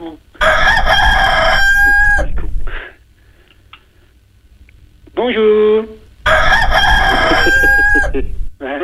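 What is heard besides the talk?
rooster crowing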